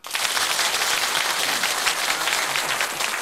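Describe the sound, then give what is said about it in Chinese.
An audience breaks into steady applause, a dense crackle of many hands clapping at once that holds an even loudness for a few seconds with no voices standing out. “好，请大家鼓掌。”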